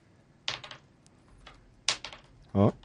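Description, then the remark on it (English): Two quick bursts of dice clattering across a hard tabletop during a tabletop role-playing game, each a short rattle of small bouncing clicks, crisp, followed by a brief voiced sound at the end. “Stop rolling. Stop rolling. You're using all the good ones.”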